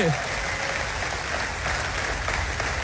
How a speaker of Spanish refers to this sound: Vamos, si le vas a dar un aplauso, dáselo más fuerte.